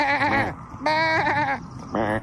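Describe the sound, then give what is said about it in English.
A person imitates a goat with three wavering, nasal bleats in quick succession, loud, the middle one longest and the last one short. “Yeah, you have to talk to it in goat.”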